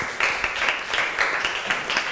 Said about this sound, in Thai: ขอเสียงปรบมือให้กับเพื่อนกลุ่มที่5ของเราด้วยนั่นเองนะคะ